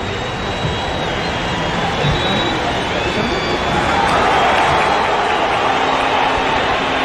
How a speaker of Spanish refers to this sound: Va bien el aplauso de la gente.